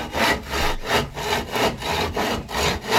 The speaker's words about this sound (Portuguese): Cadê a serra aí? Com martelo, serrote. Ah, cortou tudo. Vamos meter um serrotão, moço, a galera. Boa.